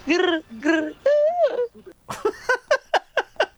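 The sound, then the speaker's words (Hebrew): A person imitates a drunken dove cooing: three drawn-out, wavering coos, then a quick rhythmic run of about six short pulsing hoots, fairly loud with no other talking. “והנה יונה שיקורה, כך נשמע את היונה.”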